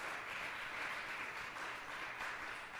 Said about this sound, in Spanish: Démosle ese aplauso al Señor nuestro Dios.